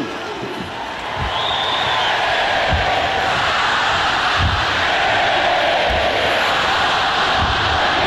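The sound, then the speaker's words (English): A large stadium crowd on a Saturday night in South Carolina, fired up by the celebrity starter, cheers and roars in a dense, continuous wall of noise that swells after the first second and stays loud, with scattered low thuds like stomping beneath it. “And he looks perfectly at home, getting this crowd fired up.”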